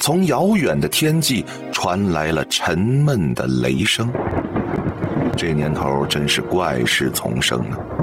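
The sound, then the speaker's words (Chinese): Low, muffled thunder rolls continuously from far off on the horizon under a sky thick with dark clouds, in July, deep and distant, while a voice talks steadily over it throughout. “然而此时抬头看天，却是阴云密布，从遥远的天际传来了沉闷的雷声。”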